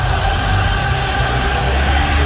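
A loud, dense roar of a large arena crowd cheering steadily, with a sustained, tonal swell suggesting many voices singing together under the din.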